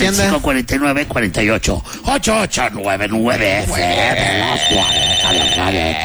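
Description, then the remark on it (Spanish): Busy voices talk over each other, then a steady electronic telephone ring from an incoming call to the studio phone rises behind them, a bright repeating trill that continues to the end under the chatter. “¿Cómo para lo tóxico hay llamadita luego, luego?”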